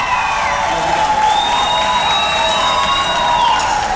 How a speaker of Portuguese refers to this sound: Uma salva de palmas, gente.